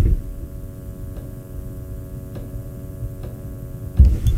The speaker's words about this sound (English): I talked about this last week. There was a buzzing here in the studio, and it was driving me up the wall, and it's actually gotten worse.